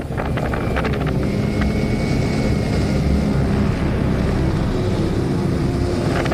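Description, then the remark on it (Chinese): A drone, launched from the roadside and flown toward a tornado, whirs steadily with a faint motor whine, nearly buried under loud, constant wind buffeting the microphone. No voices, just a continuous roaring rush. “无人机已经准备就绪，然后我们决定释放无人机，让它朝龙卷风飞去。”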